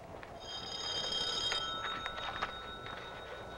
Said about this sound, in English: Will you answer your phone, you big clown?